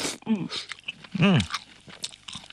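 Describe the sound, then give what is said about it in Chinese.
Chewing of small canned yellow croaker fish, whole fish with heads and innards removed and crispy bones, soft crunchy bites and mouth sounds over a couple of seconds, with a couple of brief hummed vocal sounds mixed in. “其实你嚼到嘴里面的话，你都可以感觉我们的鱼骨头的话都是酥脆的。”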